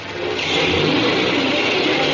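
A taxi's engine revs and accelerates, a loud, rough mid-pitched roar that swells over the first half second and then holds steady, with no voices.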